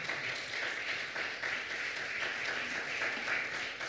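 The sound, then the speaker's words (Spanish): A church audience breaks into sustained applause for Jesus, a dense, steady wash of many hands clapping together at moderate loudness, without any talking. “Un aplauso poderoso a Jesús, por favor.”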